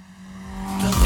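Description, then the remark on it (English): A Tirana car engine hums steadily, then revs and swells louder as the car is driven past the studio, building to a brief roar at the end. “no audio effects used in this segment, and Stan literally just guns the Tirana past the studio.”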